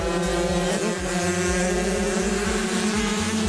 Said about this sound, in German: So klingt es, wenn 15 Kinder gleichzeitig ihre Rennmaschinen auf Höchstgeschwindigkeit peitschen. Für große Sprünge auf den Schanzen sind ihre 50-Kubik-Rennräder noch zu schwach.